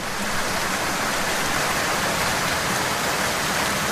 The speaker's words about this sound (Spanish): Basta que tengamos que salir de casa para hacer cualquier cosa y de forma inesperada, ¡ostras tú!, comienza a llover.